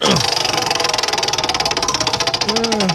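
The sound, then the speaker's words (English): The wheel of topics on the show Hammer and Emmett is spun as hard as possible, its pointer giving a loud, rapid, steady run of clicks, the ticks coming fast and even for about three seconds with no one talking. “I'm going to spin it as hard as I can this time.”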